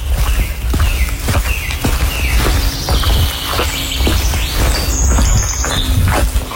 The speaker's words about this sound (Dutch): Lopen door een nat bos. Nat bos, van gisteren. En je hoort als het geregend heeft dat de vogels echt tot leven komen, hè? In het fragmentje hoor je het ook heel veel vogels.